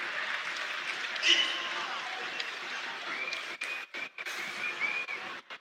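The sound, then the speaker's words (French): A football stadium crowd applauds in a steady, dense wash of clapping for goal scorer Valentin Fus, who scored the equalising penalty, as he is substituted off, with a voice talking over it and a few brief dips near the end. “Très applaudi le buteur, l'auteur du pénalty de l'égalisation.”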